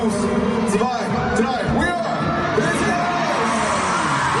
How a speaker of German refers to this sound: Haben die auf Deutsch gezählt sogar? 1, 2, 3, ne? 1, 2, 3, Xufa. Ist der Klassiker, aber das reicht, damit tausende Leute jubeln.